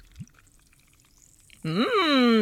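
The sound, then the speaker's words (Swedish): After a quiet pause, yellow soda is suddenly poured over ice in a glass, a loud, steady gurgling stream with a ringing, shifting pitch that continues to the end. “Den gula läsken som alltså är Sverigedemokraternas färg då. Mm. Och nu häller du över isen där.”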